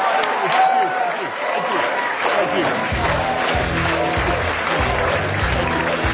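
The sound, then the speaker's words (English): A large crowd at the Young America's Foundation's 48th Annual National Conservative Student Conference in Washington, D.C., applauds former British Prime Minister Boris Johnson, a dense wash of clapping that stays loud throughout, with a low murmur of voices and some cheering mixed in. “Let's give Prime Minister Johnson a wonderful round of applause.”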